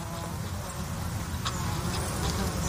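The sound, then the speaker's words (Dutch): Bees and bumblebees buzz steadily around flowering water mint at De Mui on Texel, a continuous low drone with a few faint brief ticks above it and no voices. “Ook veel vlinders die daar fourageren, maar het zijn natuurlijk de bijen die zich laten horen.”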